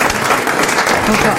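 An audience applauds steadily, a dense, continuous patter of many hands clapping at an even level throughout, with no voices standing out above it.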